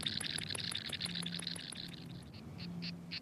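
An insect, just released from a person's hand, sings in rapid, rhythmic high-pitched pulses that slow into spaced, buzzy chirps toward the end, with a faint low hum underneath and no talking.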